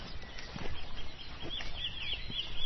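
A wren sings at sunrise, a quick run of thin, high-pitched chirping notes, fairly faint over a steady low rumble of background noise, with no voices.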